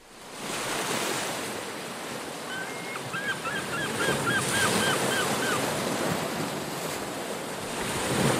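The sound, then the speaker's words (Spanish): Steady ocean surf roars with a breezy, windswept wash, while a quick run of seagull calls rings out above the waves partway through. “Y con el rumor del oleaje y el canto de las gaviotas seguimos navegando”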